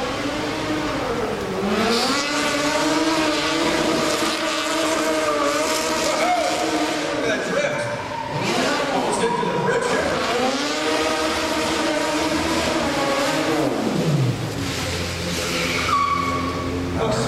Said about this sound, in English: Let me get a pursuit car down camera alley, please.